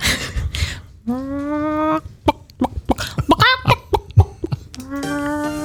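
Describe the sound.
A woman on the Antenne Niedersachsen Moin Show imitates a clucking hen, with drawn-out squawks followed by rapid, choppy clucks and a final rising squawk, loud.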